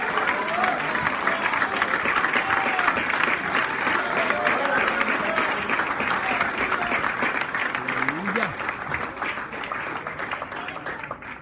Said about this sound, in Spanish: Yo voy a aplaudir por algunas mujeres de Guanajuato que no pueden aplaudir.